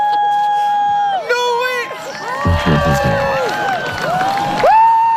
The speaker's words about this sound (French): Pareil comme ça. Je ne sais pas si on a entendu les mêmes cris, les mêmes exclamations, effectivement, en Espagne, parce que ça, c'était chez nous au printemps 2024.